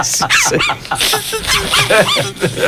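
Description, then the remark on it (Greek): A dog lets out a rapid string of high-pitched yips, short barks and whimpering whines, one after another without pause, loud. “Το τι είχες βρει και ήχο. Από σκύλι.”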